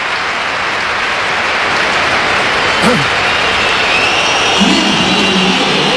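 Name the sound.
stadium crowd applause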